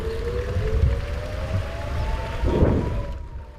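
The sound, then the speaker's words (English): An air raid siren from a kibbutz neighboring Rosh Hanikra wails in one long unbroken tone as people take shelter, its pitch creeping slowly upward, heard over a steady rushing hiss and low rumble with no voices. “Shortly before we leave Rosh Hanikra, the sound of an air raid siren from a neighboring kibbutz shatters the silence, and once again, people take shelter.”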